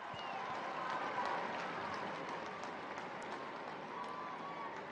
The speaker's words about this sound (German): Anders als sein Vorgänger Franziskus wohnt Leo also nicht im Vatikan-Gästehaus Santa Marta, sondern hier im Palazzo, direkt am Petersplatz. Der Jubel kündigt an, dass sich nun der Papst am Fenster seines Arbeitszimmers zeigt.